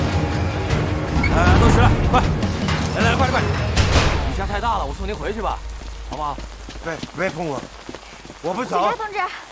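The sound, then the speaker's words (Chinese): Heavy rain pours down in a dense, steady hiss, loudest in the opening seconds, then continues beneath several people talking urgently. “雨下太大了，我送您回去吧，好不好？”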